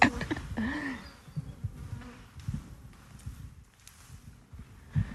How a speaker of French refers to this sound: Bon, en tout cas, elles sont pas agressives, ces abeilles.